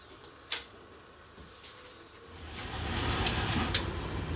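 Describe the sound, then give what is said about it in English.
The engine of a 1970s Fiat FCE Ade train locomotive sputters and runs roughly, not idling properly. Its low, uneven rumble swells and grows louder halfway through, with scattered sharp clicks and knocks over it. No one speaks. “The engine won't idle properly.”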